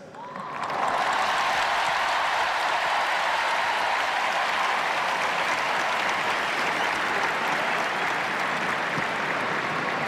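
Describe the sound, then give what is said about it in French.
A huge crowd of young people at the Stade de France in Saint-Denis, France, applauds and chants as it welcomes the Pope, a dense, sustained roar of clapping that swells in within the first second and holds steady and loud for the whole stretch. “Et la foule du Stade de France qui scande le nom du Saint-Père.”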